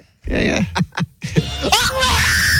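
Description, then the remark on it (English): A man screams in loud, strained bursts, with short broken cries and pitch swoops that give way to a long, sustained high-pitched yell at the end. “Actually, that's not the girl screaming. That's the idiot guy screaming, I think.”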